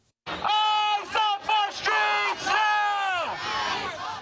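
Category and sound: crowd, protest crowd chanting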